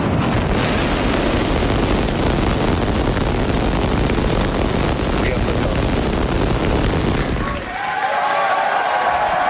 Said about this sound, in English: Starship, the largest and most powerful rocket in history, launched from Texas. SpaceX employees cheered as the rocket blasted off from its new launch pad in Texas. 5, 4, 3, ignition.